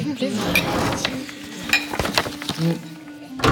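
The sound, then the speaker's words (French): Papyrus papers rustle and are put away into a safe, then several metallic clicks and clunks sound as the heavy safe door swings shut and latches, with faint murmuring in the background. “tu gardes ces papyrus dans un coffre-fort comme des trésors ?”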